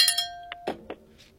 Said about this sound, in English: See, hey, we want you to feel better. Give him the bell for that one.